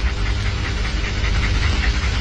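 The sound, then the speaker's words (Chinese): A dog named Masitang'er pants in quick, rhythmic breaths over a steady, noisy background hum, with no one speaking. “小姑娘，你不喜欢这狗？”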